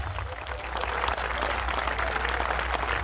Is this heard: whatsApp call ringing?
no